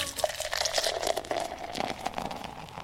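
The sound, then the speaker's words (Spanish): A soda being opened and poured: a steady fizzing hiss with crackling bubbles and the gurgle of liquid filling a glass, running continuously for a few seconds with no voices. “Vamos para allá, para los muchachos de Almacén Super, para que destapen la gaseosita.”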